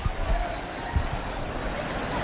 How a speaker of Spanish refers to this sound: No sé si se oye este barullo, estos gritos de emoción. El Papa debe estar cerca, yo no te lo puedo contar porque ahora mismo no lo veo,